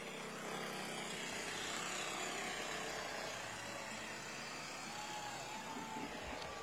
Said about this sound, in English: And there's another very familiar scene vehicle that the Shriners use, those old classic cars like that.